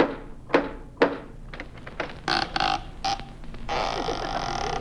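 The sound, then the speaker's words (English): Costello knocks on the door of Peter Lorre's home: two solid, evenly spaced knocks ring out, followed by lighter scattered thumps and clatter, then a steady noisy wash fills the rest. “No, I knocked.”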